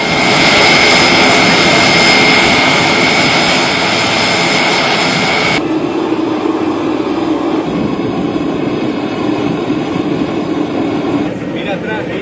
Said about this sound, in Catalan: Aquest moment és el de la baixada de l'avió del papamòbil, que està traslladat en un avió de l'exèrcit de l'aire. Ara ho explicarem. És el so que ens deixava aquest moment del trasllat, de l'arribada a Madrid i la custòdia del vehicle de protecció